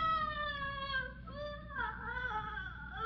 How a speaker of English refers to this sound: Almost sounds like a trapped animal. Miss Martha, where is that shriek coming from?